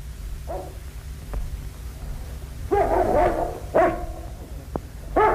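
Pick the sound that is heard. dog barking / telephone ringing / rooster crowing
dog barking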